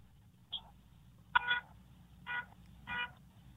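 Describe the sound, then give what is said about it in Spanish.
A weak, thin van horn gives about four short toots at uneven intervals against a low background rumble, with no voices. “Toca el pito otra vez.”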